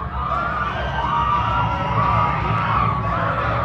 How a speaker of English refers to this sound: Scoreboard operator trying to get the crowd fired up. Did so momentarily.